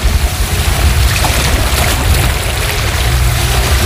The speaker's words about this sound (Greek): Μόλις ήρθα και στην παραλία να ακούσουμε λίγο το φλίσβο.